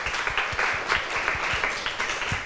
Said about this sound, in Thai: ขอบคุณค่ะปรบมือให้ทั้ง2คนหน่อยค่ะ